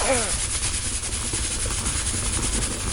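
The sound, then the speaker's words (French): A voice imitates the steam escaping from a pressure cooker, where heated water turns to vapour that pushes its way out: a loud, steady hiss held for about three seconds, with a rough, rumbling undertone and a brief voiced start. “Alors elle pousse à fond pour s'échapper, et quand elle réussit, ça fait...”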